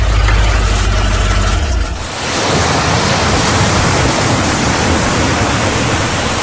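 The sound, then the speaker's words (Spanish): Ocean waves wash steadily onto the beach at Playa Bajo Alto, in Barbones parish near Guavo, in a loud, continuous rush of surf, opening with a deep rumbling swell for about two seconds before settling into an even hiss. “Sol y mar para todos en Playa Bajo Alto. Aguas calmadas, perfectas para familias.”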